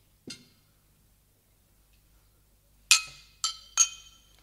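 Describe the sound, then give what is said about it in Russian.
Glasses clinking in a toast to a reunion: one light clink, a pause, then three quick bright chimes in a row, clear with ringing tails, and no voices. “Мама, дай-ка нам еще стаканов. Сейчас, сейчас, сынок. Сначала выпьем, выпьем за встречу.”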